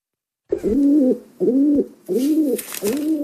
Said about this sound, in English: Yeah, it's a pigeon.